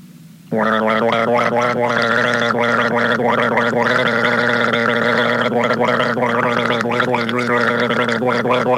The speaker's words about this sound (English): But not until I have another guzzle of this,